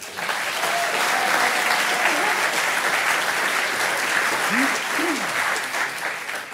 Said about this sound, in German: also wer ist dafür, dass Gendern würde klatschen und wer dagegen ist auch, ja? Ja, genau, und wir machen das heute gleichzeitig. Wir machen das komplett gleichzeitig, also bitte, wenn ihr einmal dafür ist und wer dagegen ist, bitte klatschen.